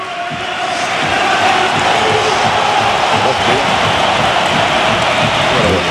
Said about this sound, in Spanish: Y vamos a escuchar la ovación a Isco Alarcón. Ahí entra Isco.